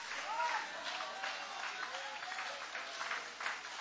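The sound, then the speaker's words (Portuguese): A church audience applauds steadily for several seconds with hands raised high, a dense wash of many hands clapping at once, with faint voices mixed into the crowd noise. “Quem quer ser alcançado pela graça de Deus aqui hoje, levanta a mão bem alta e vai aplaudindo.”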